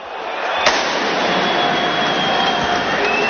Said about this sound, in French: Vous les entendez, les pétards, l'intervention des CRS, Dante dépité.